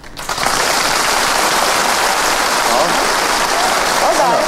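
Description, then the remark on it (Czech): A crowd claps warmly and steadily, a dense, even wash of many hands that holds at full strength after a quick start, with faint voices mixed in. The audience gives warm applause on request while practicing different kinds of applause. “A teď vřelý potlesk.”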